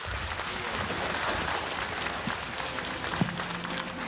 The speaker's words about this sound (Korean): 다음은 엄태영 국회의원님께서 추모의 말씀을 해주시겠습니다. 큰 박수로 모시겠습니다.